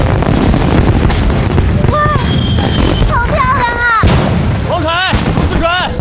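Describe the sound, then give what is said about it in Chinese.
A dense, loud barrage of fireworks, watched from a bridge, bursting continuously, with rumbling booms and crackle filling the scene, while shrill whistling tones or excited voices rise and fall over the din. “没什么，快去看烟花吧。”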